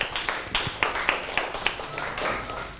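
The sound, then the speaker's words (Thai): A group of children in a classroom clap together for a classmate in a quick, fairly steady rhythm of about a dozen sharp claps, moderately loud, with faint background murmur. “ถูกต้องครับปรบมือให้เพื่อน”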